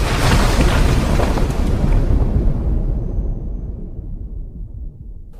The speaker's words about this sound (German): Na, das ist ja eine schöne Bescherung. Der ganze Aufenthaltsraum ist geflutet.